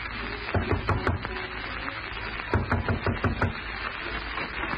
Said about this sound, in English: And as you were lighting your pipe, an insistent knock you had anticipated came to the door.